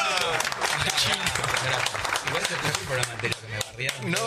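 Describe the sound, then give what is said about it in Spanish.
A standing audience gives sustained applause as a member of Los Imprescindibles is introduced on a show, dense rapid clapping from many hands with crowd voices and cheers mixed in, steady and loud throughout. “No. Dejá de aplaudir. No paró el aplauso.”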